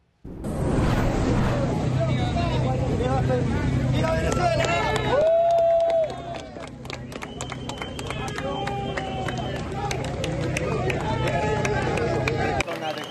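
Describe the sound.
Rescuers in Venezuela applaud outdoors as a man is brought out alive after 8 days trapped under 140 tonnes of rubble, amid loud, busy hubbub and overlapping voices, with a dense burst of clapping at first that thins into scattered, sharp claps.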